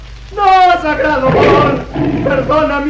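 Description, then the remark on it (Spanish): A voice imitates the roar of a gigantic tiger roaring threateningly and furiously: a loud, drawn-out growling bellow that rises and falls over a few seconds, breaking into a rougher snarl midway. “El nativo gemía suplicante ante Calimán, que se había convertido en gigantesco tigre que rugía amenazante.”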